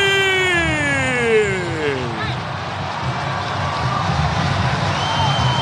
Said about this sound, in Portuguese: Rony carimbou o poste, a galera aplaude o Rony. Geralmente ele mete pra fora, quando acerta a trave é pra aplaudir mesmo, hein?